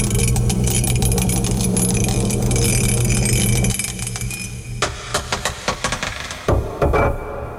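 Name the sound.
dice being rolled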